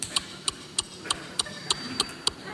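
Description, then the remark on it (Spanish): A young man imitates a Renault 11's turn-signal ticking with sharp, evenly spaced mouth clicks, about nine of them in a steady rhythm, fairly quiet with no talking. “Aplaudís a un muchacho que hace el intermitente. Sí. Vale. Tengo R11, los que tenemos una edad. Este es R11.”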